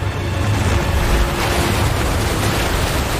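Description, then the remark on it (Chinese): Cold Pacific Ocean surf, driven by strong currents, roars steadily against the shore of Fernandina Island, a dense wash of hissing spray over a deep, rumbling low end, loud and unbroken with no voices. “在强大洋流的驱使下，太平洋的寒冷海水猛烈地拍打着费尔南迪纳岛的海岸。”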